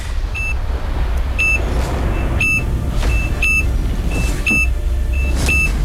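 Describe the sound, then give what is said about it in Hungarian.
A series of sharp electronic countdown beeps sounds about once per second, six in all, with fainter short pips between them, over a steady rumbling background noise, timing a game in which a contestant must call out "bum" at the end of the countdown. “Ahogy a pítyegést hallod, onnantól kezdve tiéd a terep, és remélem egy időbe fogsz bummolni.”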